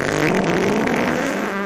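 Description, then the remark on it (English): A loud, drawn-out fart sound effect, a buzzy, rasping blast that holds steady for nearly two seconds and then trails off, with no talking over it. “I'm talking nasty, gross, old lady farts.”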